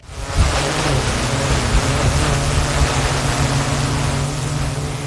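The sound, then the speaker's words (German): An autonomous fire brigade drone in Gladbeck, activated automatically by an alarm, flies from the station to the scene taking aerial pictures; its motors produce a constant low buzzing hum over a loud rush of rotor wash that starts abruptly and holds at an even level, with no voices. “Eine autonome Drohne, die bei einem Alarm automatisch aktiviert wird.”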